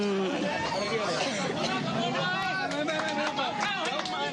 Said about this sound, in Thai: มีเสียงของชาวบ้านนะคะจากทั้งสองข้างทางนะคะก็ปรบมือให้กำลังใจนะคะท่านนายกรัฐมนตรีพร้อมกับคณะนะคะ